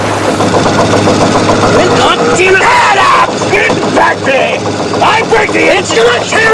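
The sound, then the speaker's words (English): A boat engine roars at near-maximum revs, a loud, steady, strained drone with a heavy low hum, while raised voices shout over it intermittently; dark smoke drifts around the opening to the engine compartment. “The needle on the RPM gauge nears the maximum limit. Below, dark smoke drifts around the opening to the engine compartment.”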